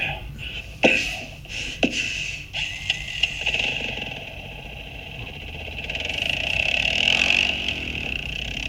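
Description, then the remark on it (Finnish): A small moped engine runs steadily throughout with a buzzing, high-pitched whine, fairly loud, with a couple of sharp clicks early on and a slight rise in intensity toward the end. “Toi on joku ajettava kulkuneuvoksen mopo, länkiä.”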